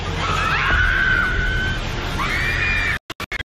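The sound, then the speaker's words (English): Bystanders scream in rising, drawn-out cries over a loud, continuous roar of rumbling debris as a fast food restaurant building collapses in the southern Philippine city of Santos. The roar cuts off abruptly near the end, leaving a few short bursts. “Bystanders screamed and clouds of dust engulfed the street.”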